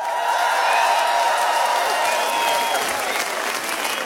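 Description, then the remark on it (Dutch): A large crowd at a live music event in Doorn applauds a band loudly and steadily, a dense wash of clapping with scattered cheers and whistles rising above it, continuing throughout without pause. “Geef ons voor één groot applaus.”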